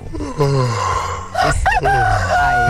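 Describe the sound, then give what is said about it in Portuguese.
A rooster crows loudly and close by, one long drawn-out call breaking into a second rising, strained crow, with nothing else competing. “O Ronaldo Malesso, de Belo Horizonte, além do cafezinho, ele tá pedindo urso, BenTV e galo.”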